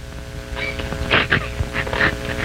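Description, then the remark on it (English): A female dog yelps and whines in several short, excited bursts over a steady low hum, the sharpest cries clustered in the middle, fairly loud. “That dog is having one heck of a time.”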